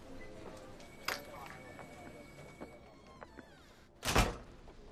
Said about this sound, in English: Yeah, let me close the door so we can have some privacy.